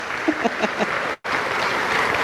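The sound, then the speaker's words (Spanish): Steady audience applause introducing Pochi Chávez, a dense crackling wash of many hands clapping, broken by a brief cut of silence midway before the clapping resumes at the same level. A few faint voices rise under it early on. “Así que le voy a presentar fuerte el aplauso para él.”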